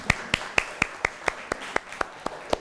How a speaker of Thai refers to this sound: โอเคค่ะขอเสียงปรบมือให้เพื่อนหน่อยค่ะ